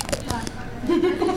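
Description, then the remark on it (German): A quick crunchy bite into a half-eaten ice cream: a few short, crackling snaps in a rapid cluster, followed by a low, brief murmur of a voice with mouth noises. “Was sie auch nicht wissen sonst, dein Eis ist halb alle. Ja. Kannst mal abbeißen, ruhig.”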